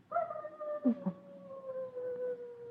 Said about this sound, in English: Listen. The foxes are barking up on the ridge. They begin barking about this time of year. The mating season.